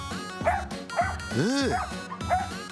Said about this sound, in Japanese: あーいっぱいワンちゃん来た。ワンちゃん、あーすごい。あーこんにちは。こんにちは。あ、大合唱。わわわわわ。あら、ダックスフンド。